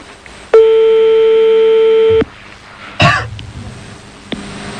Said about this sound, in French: Alors là, c'est parti. On est en train de composer on est en train de composer le numéro de téléphone, là. Apparemment.